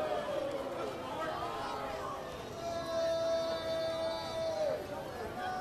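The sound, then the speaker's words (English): Baseball fans in a stadium let out a steady, sustained booing, drawn-out voices swelling together over a constant roar of chatter. “I don't know why these fans are, I guess they're booing.”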